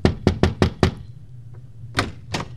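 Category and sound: impact, knocking on a door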